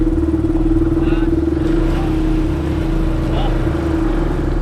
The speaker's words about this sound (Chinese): 加油！ 发动机声音都没起来， 速度没起来， 提起速来基本上是没有问题。